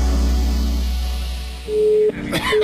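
A telephone busy signal from a call that will not connect sounds in short, steady beeps that cut on and off over a low background rumble, with a brief rustling burst between the tones.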